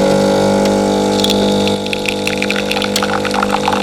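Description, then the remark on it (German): A coffee machine brewing at full power on a Radio Zentral morning show: a loud, steady pump hum with strong low tonal drone, overlaid by hissing, gurgling liquid bursts; the hum drops slightly partway through. No one speaks. “Kaffeemaschine Vollgas gibt, dann starten wir in einen neuen Arbeitstag.”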